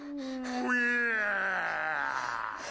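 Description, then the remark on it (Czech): A lion lets out a long, drawn-out groan lasting nearly three seconds, its tone sliding steadily lower and turning rough and strained toward the end, with no talking over it. “Teď nás zajímá lev. Slyšíš?”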